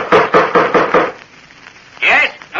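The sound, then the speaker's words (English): An old bronze door knocker bangs about six times in quick, even succession on the front door of an ancient house, loud, then after a pause a short harsh tonal burst sounds. “2 moments later, they banged the old bronze knocker on the front door of the ancient house.”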